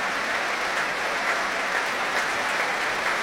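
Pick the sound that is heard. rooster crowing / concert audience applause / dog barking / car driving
concert audience applause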